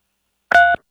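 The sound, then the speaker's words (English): A single short phone keypad tone from pressing 3 on a phone during a call, a steady two-pitch electronic beep lasting about a quarter second, clear and fairly loud against silence. “Hey, if you can hear us, press 3 on your phone.”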